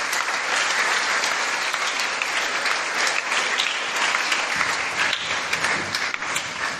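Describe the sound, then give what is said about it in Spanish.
A church audience at a novena applauds steadily for itself, dense clapping that holds an even loudness for several seconds with no clear pauses and no voices standing out above it. “Un aplauso para ustedes también, que se lo merecen.”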